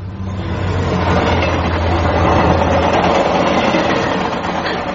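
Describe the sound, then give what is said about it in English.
A train rumbles past on a main line, a loud, steady roar of wheels and carriages that holds for several seconds with a deep low hum at the start, no voices. “Those trains would be frequent. Oh, yes, day and night. This is a main line.”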